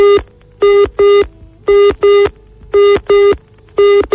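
A telephone busy signal repeats in loud, steady pulses, short tones in pairs with brief gaps, clear with no voices over it, after a listener's number is dialed on an outside line at the Antena 3 radio station.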